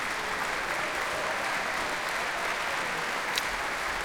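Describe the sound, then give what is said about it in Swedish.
Sustained, dense applause from a large audience standing in Berwaldhallen concert hall, steady and enthusiastic throughout with no pauses, a standing ovation for three ensembles, soloists and conductor Simon Crawford Phillips after a performance of Felix Mendelssohn's Second Symphony. “Och utanför mitt fönster här i Berwaldhallen så är det folk som ställer sig upp och ger stående ovationer till de här tre ensemblarna alltså som tillsammans med solister har spelat för oss ikväll.”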